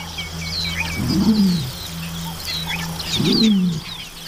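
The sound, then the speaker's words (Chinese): A young deer hawk (鹿鹰) chick, about nine weeks old, gives two short, rough calls a couple of seconds apart, set against a steady low hum and scattered chirps of small birds. “这是一只约九周大的鹿鹰雏鸟。”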